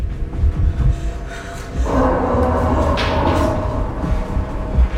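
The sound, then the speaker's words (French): A heavy table is shoved across the floor, a long grinding scrape that starts after a few low knocks, runs for several seconds and ends with a thump against the door. “Va pousser la table contre la porte!”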